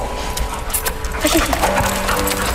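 A dog named Cherry moves around, its paws tapping and scuffling in quick, irregular clicks, with a few soft whines over a steady background hum.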